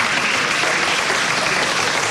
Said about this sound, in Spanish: Para ella, un aplauso, por favor.